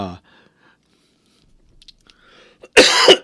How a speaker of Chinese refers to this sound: 抱歉我最近因为感冒所以咳嗽请各位好朋友们能够多多忍耐